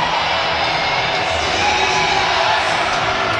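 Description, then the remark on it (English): A large crowd at the Sudbury Arena in Sudbury cheers and roars while doing the wave during a long delay over a penalty decision. The noise is a steady, dense wash, loud and sustained throughout, with scattered shouts rising out of the din. “As we mentioned, it's a good crowd. They've had a lot to cheer about tonight, especially in the second period, and talking to some of the media types here in Sudbury.”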